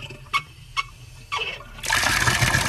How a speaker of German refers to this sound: Hahn aufdrehen, Wasser fließt.